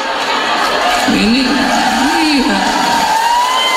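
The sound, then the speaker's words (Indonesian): A crowd applauds steadily in a dense, continuous wash of clapping, with a whooping voice rising and falling above it and scattered chatter mixed in. “Ini tepuk tangan berarti ngalami juga.”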